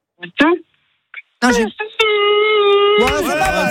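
A man on a phone call screams outside in a courtyard, a loud, sustained scream lasting about a second, preceded by short vocal bursts and ending in a strained wail, with a thin, band-limited telephone sound.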